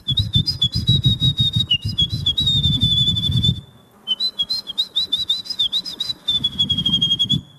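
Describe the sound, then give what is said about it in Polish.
At the Polish Championship in bird imitation, held in front of the Palace of Culture and Science, a contestant whistles an imitation of a wren's song: rapid, high, trilling chirps and warbles in fast bursts, with a brief pause midway, backed by a low rumbling hum. “wygrała w piątek Mistrzostwa Polski w naśladowaniu ptaków. Kogo wybrałaś? Ja wybrałam strzyżyka.”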